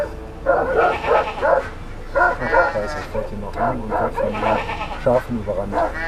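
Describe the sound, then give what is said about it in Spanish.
A guard dog barks repeatedly, confronting an approaching car to defend its flock and shepherdess, while several sheep bleat in overlapping, wavering cries, a busy flock chorus of moderate loudness with no clear speech. “Y cuando se acercaron al rebaño, el perro guardián los enfrentó defendiendo a sus ovejas y a su pastora.”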